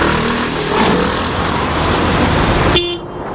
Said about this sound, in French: Des files de voitures jusqu'à l'horizon. Des familles entières s'entassent dans des véhicules chargés des valises de l'exil. Sur les toits, on peut voir des matelas et même quelques meubles. Nous sommes sur l'autoroute qui mène au sud du Liban,